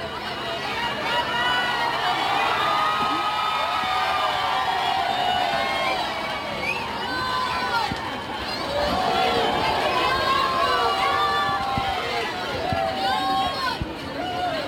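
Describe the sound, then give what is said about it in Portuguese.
A large crowd cheers, shouts "Viva o Papa" and claps continuously as the popemobile approaches, dense overlapping voices rising and falling in loud excited swells, with scattered whoops standing out over the roar throughout. “Há sempre muitos gritos de Viva o Papa e também muitas palmas, e este é sempre também um momento de muita confusão.”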